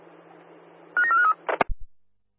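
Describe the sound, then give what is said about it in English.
A quick run of electronic telephone dialing tones over a faint hiss as a phone call is placed, followed by a couple of sharp clicks and low thumps, then silence. No one speaks. “Could you give Clippers a call, please, over?”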